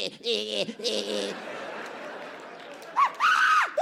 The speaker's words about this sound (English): I scream like a bitch. You hear that? Bum repellent. Uh-huh. They can't take the decibels.